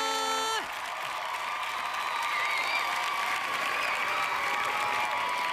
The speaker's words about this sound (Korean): 박계라의 수많은 코너 중에 네. 저희 진행자에게 환호성을 보내는 유일한 코너.